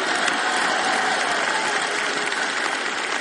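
Steady, dense applause from an audience fills the whole stretch, a continuous wash of many hands clapping at even loudness with no voices standing out.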